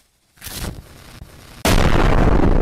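A rumbling blast builds after a brief silence, then a second, much louder explosion hits abruptly and sustains a dense, roaring wall of low-end noise.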